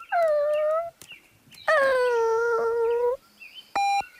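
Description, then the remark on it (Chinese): A small spotted puppy staying beside its dead mother dog whimpers in two long, high, wavering whines, the second longer than the first, clear with no voices, ending with a brief sharp peep. “是一只守在母狗身边的可怜小狗，母狗死了。”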